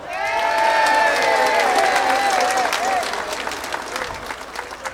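An audience bursts into dense, steady applause, with a high wavering cheer or whoop riding over the clapping for the first few seconds before the clapping gradually thins out.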